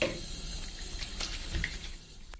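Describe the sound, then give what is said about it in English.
Soft splashing of warm water on a face during a skincare routine, before using face wash, a few irregular wet slaps and trickles over a couple of seconds, with no one talking. “Okay, so warm water. I have a facial wash here, simple face wash.”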